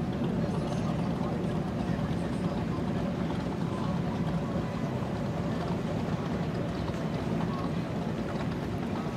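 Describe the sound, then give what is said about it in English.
A racing powerboat with modified Supercat engines of about 850 horsepower each roars loudly and steadily throughout, a dense low rumble with a hissing wash of water and wind over it, holding constant rather than fading. “it does have the modified Supercat motors, which, you know, these days are about 850 horsepower aside.”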